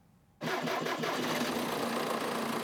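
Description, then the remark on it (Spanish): A tractor's diesel engine, running on agricultural diesel from a 200-litre tank, bursts into life after a brief silence, chugging unevenly for a moment before settling into a loud, steady, rumbling idle with a low hum. “Arrancar el motor cada vez cuesta más.”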